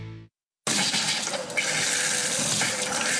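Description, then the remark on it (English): After a short silence, running water suddenly gushes on and pours steadily and loudly, like a tap or flush at full flow, continuing without a break to the end. “When your water stops flowing, A1 Plumbing gets things moving again.”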